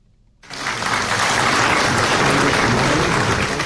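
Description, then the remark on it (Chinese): Loud, sustained applause from a large crowd bursts in after a brief quiet moment and keeps going at a steady, dense level with no voices, as the newly elected 18th Politburo Standing Committee members enter the East Hall of the Great Hall of the People on 15 November 2012. “2012年11月15号，新当选的18届中央政治局常委在热烈的掌声中步入人民大会堂东大厅”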